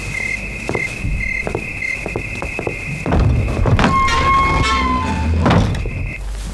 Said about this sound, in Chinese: 哎呀，敲门声就进来了，吓我一跳。